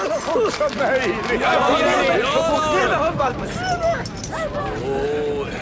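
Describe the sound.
A puppy, carried in someone's arms on a smoke-filled balcony high up, yaps and whimpers in rapid, high-pitched bursts, fairly loud, continuing throughout over a background of voices chattering.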